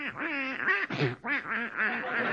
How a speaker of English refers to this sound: Oh, come on. Come on. Get out of my bed, you silly-looking duck. Out, out.